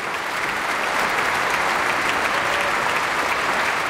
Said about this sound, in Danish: Ja, det var da noget, som publikum kunne lide at dømme efter bifaldet. Et meget energisk stykke.